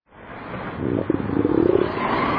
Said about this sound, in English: That rumble you hear isn't thunder over Nebraska. It's your stomach.